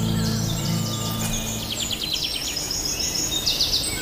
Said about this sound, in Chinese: 每当我们坐下来欣赏鸟儿的鸣唱时，绝不会想到这其实是它们发出的怒吼，是为了警告潜在入侵者